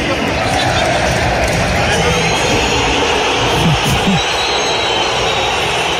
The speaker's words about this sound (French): Ouais, pas du tout même, parce qu'il a été sifflé partout, tout le temps, pendant cette soirée au Metropolitano, a commencé par l'annonce des compos d'équipe. Écoutez la bronca envers Julian Alvarez.